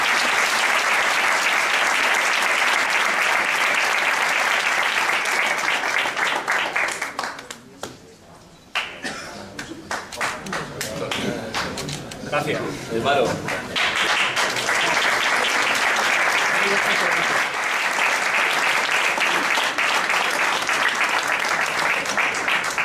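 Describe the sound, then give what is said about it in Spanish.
Loud, dense applause from an audience for a man who does many social things for the city, a steady wash of many hands clapping that dips briefly midway, with some voices and cheers mixed in, then swells back to full strength. “Este es un aplauso especial por eso.”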